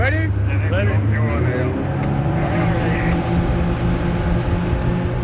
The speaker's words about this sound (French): L'Ocean Viking se prépare pour le sauvetage. Ni une ni deux, 3 canots à moteur sont envoyés à l'eau.